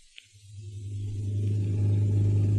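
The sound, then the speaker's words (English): A new car's engine rumbles low and steady down the street, growing louder as it approaches and then holding at a steady idle as it stops to drop someone off at home. No one speaks. “Hey, look down the street. Holy smoke. That's Zaza's new car. She's driving Gail home.”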